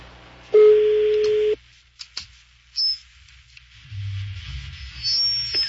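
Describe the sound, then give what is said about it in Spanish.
A single loud ringback tone sounds for about a second over a phone line, followed by faint clicks, a brief high beep and low, hissy line noise as the call connects. “La uno al aire. Vamos a ver si esta bata nos contesta.”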